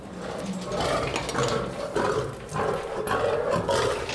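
A lion roars and growls in a series of deep, rumbling, loud bursts, with no one speaking over the sound.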